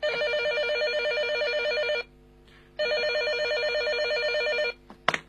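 A telephone rings at midnight with a call from a kidnapper, two long electronic bursts, a warbling high-pitched trill with a short silent gap between them, followed by a brief click as the call is picked up.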